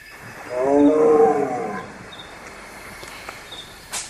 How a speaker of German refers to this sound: Was hatte sie geweckt? Hatte ein Leopard gehustet?